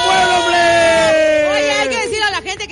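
A crowd cheers and applauds loudly for a band, with a long sustained whoop rising over steady clapping, then several overlapping shouts and yells before it trails off.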